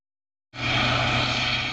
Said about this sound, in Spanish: Con este sonido se despertaban la pasada noche los vecinos del Rompido, en Huelva. Un helicóptero de la Guardia Civil seguía dos embarcaciones relacionadas con el narcotráfico.